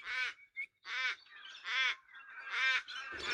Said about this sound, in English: We're also in there hearing the mournful voice of the Australian raven.